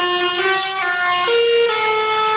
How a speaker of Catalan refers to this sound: En aquest cas són els tractors que s'han fet sentir pels carrers de Lleida, tracturada convocada pels joves agricultors i ramaders de Catalunya, en concret contra l'augment dels preus dels carburants.